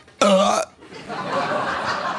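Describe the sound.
A voice makes one loud, sharp, strained hiccup-like gulp, imitating a violent hiccup, followed by breathy, rustling exhalation that trails off like stifled laughter.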